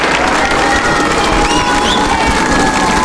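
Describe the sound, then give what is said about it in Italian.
A large outdoor crowd in the piazza at Castel Gandolfo cheers and applauds in greeting to the Pope, a dense wash of clapping and shouting voices with a few high whistles and children's cries rising above it. “Restando sulla piazza, pensate, lo dobbiamo far sentire il saluto.”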